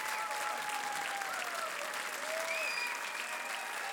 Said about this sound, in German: Applaus für Daniel Lazar, Geige, und Almir Mieszkowicz, Akkordeon, beim Rudolstadt-Festival am 6. Juli 2025.